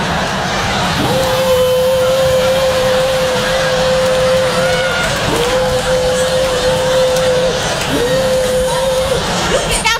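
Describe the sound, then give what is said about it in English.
A leaf blower roars with a dense, steady whoosh and a sustained mid-pitched engine whine that briefly drops out twice, over a constant murmur of crowd noise. “You see the man coming through with the leaf blower.”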